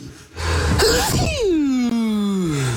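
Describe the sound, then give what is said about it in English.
A single loud, theatrical human sneeze: a sharp explosive burst followed by a long, exaggerated voiced wail that slides downward in pitch before fading out. “We've captured …'s sneeze.”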